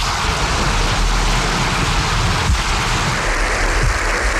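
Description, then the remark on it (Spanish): Dense, sustained applause recorded in Spain's Congress of Deputies, a steady crackling wash of many hands clapping at once with no pauses, fairly loud throughout and no voices on top. “Bueno, he dicho para vos, para todos nosotros, pero en realidad no son los aplausos, son aplausos que hemos recogido del Congreso de los Diputados”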